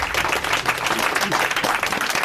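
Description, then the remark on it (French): Steady applause from an audience for a contestant who has just finished a two-minute talk on why clouds are white or grey: a dense, continuous patter of many hands clapping at a fairly loud, even level throughout, with no talking over it. “On peut l'applaudir.”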